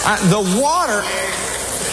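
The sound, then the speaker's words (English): A voice imitates water from a church baptism being sucked down a drainage pipe: a wobbly, warbling gurgle sliding up and down in pitch for about a second, then a steady breathy hiss until the end. “Have you ever heard water being sucked down a drainage pipe?”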